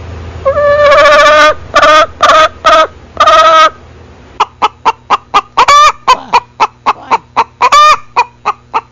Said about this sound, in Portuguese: Oi, dona Galinha. O que tá acontecendo aí, dona Galinha? Botou ovo lá, dona Galinha?